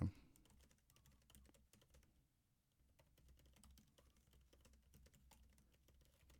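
Rapid, irregular clicking of computer keyboard keys, moderately loud, with a brief pause in the middle before the hurried typing resumes; no one speaks.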